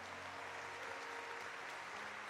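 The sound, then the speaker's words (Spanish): A crowd claps steadily in sustained, dense applause for Jesus, a loud even wash of many hands with a faint low tonal hum underneath and no talking. “Fuerte ese aplauso a Jesús.”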